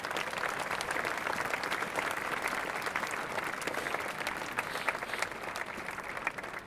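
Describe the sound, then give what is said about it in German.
Steady applause from an audience in Reutlingen for the Bürgerstiftung Reutlingen, which funds a memorial to the town fire, a dense wash of many hands clapping at an even level for several seconds, with no voices standing out. “Bitte ein Applaus für die Bürgerstiftung.”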